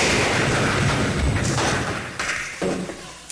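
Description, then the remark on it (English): A car driven up a home driveway smashes through a closed garage door: a loud crash of splintering wood and crunching metal that rumbles on for a few seconds, with scattered thuds and debris as it trails off. “Go right on into the garage, even if the door is closed.”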